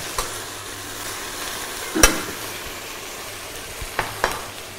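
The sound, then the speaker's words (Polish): Food seasoned with a little cinnamon fries and stews steadily in a pan, a soft continuous hiss broken by a few sharp clinks of a utensil stirring, with no one speaking. “To nam się wszystko podsmaża, poddusza.”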